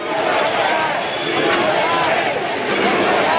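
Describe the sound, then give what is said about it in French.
A large crowd cheers and roars steadily throughout, with a couple of sharp firework bursts cracking through the din partway along, as fireworks go off above the faces of the four historic presidents at a show for the anniversary of the United States. “Feu d'artifice au-dessus des visages des 4 présidents historiques et acclamations nourries du public.”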